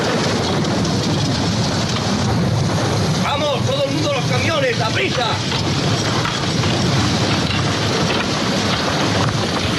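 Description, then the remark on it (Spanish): Steady, dense rain pours down throughout a scene from the film Cool Hand Luke, starring Paul Newman, as prisoners build a road in the rain: a constant loud hiss, with a burst of voices shouting over it in the middle and a low rumble underneath. “y hay un momento en el que lloviendo, mientras hacen una carretera a los presos y tal, el protagonista es Paul Newman, que escuchamos este fragmento.”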